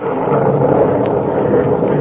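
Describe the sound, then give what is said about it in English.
A loud, sustained rumble of thunder rolls steadily through the whole stretch, deep and heavy with no clear break or sharp crack, and no voices over it. “And God of the storm has answered.”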